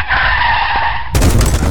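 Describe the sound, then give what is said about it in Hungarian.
A car's tires squeal in a loud, sustained skid for about a second as it pulls into a garage at 50, then end in a sudden, heavy crash as the car slams into the garage door, with clattering debris. “Szívem, mondtam, hogy ne 50-nel állj be a garázsba. Ennek annyi.”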